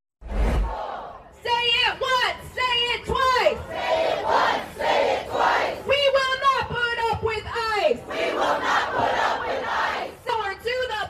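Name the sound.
protest crowd chanting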